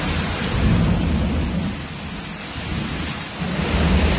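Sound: heavy rain with thunder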